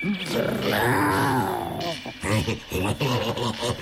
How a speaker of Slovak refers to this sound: Čo to? Ona tuším vrčí. A zakráda sa ako...